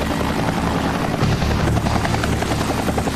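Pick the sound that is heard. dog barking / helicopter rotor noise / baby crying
helicopter rotor noise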